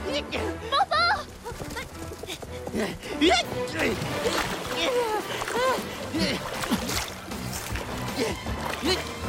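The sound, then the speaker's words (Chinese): Rushing, splashing water churns steadily in the background, sweeping a bird's nest with a baby in it away toward a waterfall, while several excited voices shout and cry out over it, the flow loud and continuous throughout. “走，走，鸟巢被水冲走了，快去救援！”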